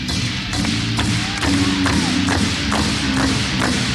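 Hands clap in a steady rhythm, roughly twice a second, about eight sharp claps over a continuous low hum, with no talking, demonstrating clapping for audience participation.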